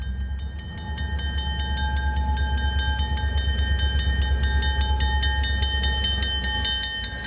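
The Rocky Mountaineer passenger train rolls in one morning in Canada, with a steady low rumble and rhythmic clatter of wheels, sustained high metallic squealing tones ringing above throughout, and no voices.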